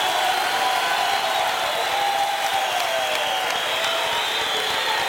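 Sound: audience applause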